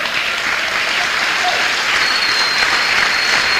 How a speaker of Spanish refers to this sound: Aquí pido yo que aplaudan y gloria a Dios que aplaudan, pero algunos no me convencen.